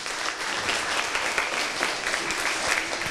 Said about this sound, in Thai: ยอดเยี่ยมมากนะครับขอเสียงปรบมือให้เพื่อนหน่อย